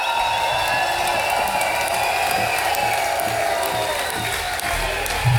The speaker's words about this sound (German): Riesen Applaus für das OK vom Schmidtner Open Air, sehr gute Bühne.